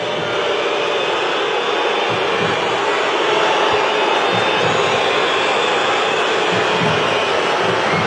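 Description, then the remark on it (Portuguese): A large crowd of São Paulo supporters, fewer than 50,000, boos at the end of a Campeonato Brasileiro match at the Morumbis stadium in one loud, unbroken roar that holds steady from start to finish, a dense wall of voices with no individual speech standing out. “As vaias do torcedor São Paulino, menos de 50 mil torcedores”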